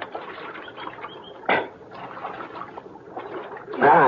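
Water of Little Creek splashes and sloshes in uneven bursts as men get a drink from it, with one sharp splash partway through and a louder churning stir at the end.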